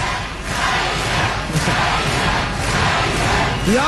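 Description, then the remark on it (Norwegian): A large audience shouts and chants the name of a singer together in a loud, continuous roar, with voices swelling in rough regular surges about once a second. “Jeg hører at dere roper på …, men det hjelper forferdelig lite nå.”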